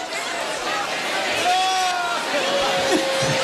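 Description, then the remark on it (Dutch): A live audience at an evening show applauds and cheers in a steady, dense wash of noise to welcome the host, who is also a singer, with a long whistle rising above the crowd partway through. “Dames en heren, geef een grandioos applaus.”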